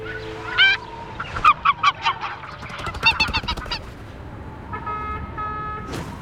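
large bird calling

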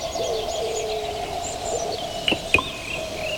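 birds chirping

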